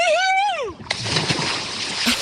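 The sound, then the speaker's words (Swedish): A person's drawn-out shout drops in pitch, then cuts off into a big splash as they jump into a lake in a full-body dip, followed by a second of churning, sloshing water. “Så när du är redo så tar du väl lite plask, tänker jag.”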